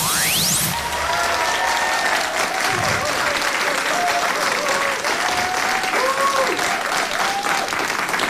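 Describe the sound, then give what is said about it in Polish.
Loud, sustained applause from the audience in Studio M of Radio Opole at a concert, a dense steady wash of clapping for the whole stretch, with faint tonal sweeps and murmuring voices threaded underneath. “Publiczność w Studio M jest jak zawsze niezawodna, także nie trzeba tłumaczyć, że przed nami kolejny, pierwszy po wakacyjnej przerwie koncert w Studio M imienia SBB, ale koncert wyjątkowy.”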